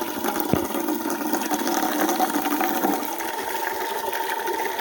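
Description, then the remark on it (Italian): Water runs steadily from the tap of a fountain in a continuous splashing rush that stays at an even level throughout, with no one speaking. “Adesso falla buttare un po', eh! Perché sennò è calda!”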